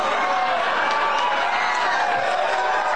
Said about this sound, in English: Oh, yeah. Again, people cheer that.